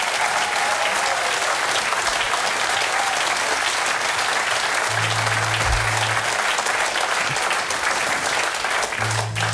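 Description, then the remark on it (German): Steady, loud applause from an audience for the band fills the whole stretch, a dense crackle of many hands clapping continuously, with a few low hums briefly sounding beneath it. “Applaus für die Band!”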